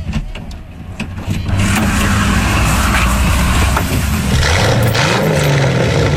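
A car engine turns over and catches, then revs up loudly and settles into a steady rumble with rising and falling pitch as it accelerates.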